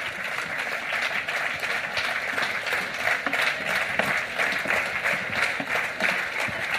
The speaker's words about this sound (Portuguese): Un aplauso desde... para o coro da Xunqueira, un de Pontevedra. Moi ben, chavales.